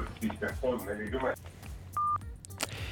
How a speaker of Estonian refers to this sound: Nii, jälle katkes kõne ära.